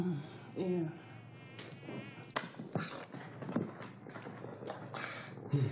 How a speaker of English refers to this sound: Mosquitoes, you know. Yeah. They cause malaria.